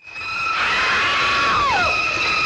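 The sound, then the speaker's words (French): Shrill, piercing screaming from the famous shower scene of Alfred Hitchcock's 1960 film Psycho: loud sustained high-pitched tones that hold steady, then slide and waver downward, continuing without pause and with no talking. “La scène de la douche, hein, la fameuse de Psychose, Alfred Hitchcock, sortie en 1960.”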